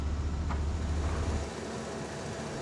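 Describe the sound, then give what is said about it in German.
Steady road traffic noise with a deep engine rumble that fades after the first second and a half, leaving a broad, even roadway hiss. No one speaks. “Bauleiter Kenny Iwanski muss sich mit allem rumschlagen. Baulärm, Straßenlärm und mit den Launen der Autofahrer”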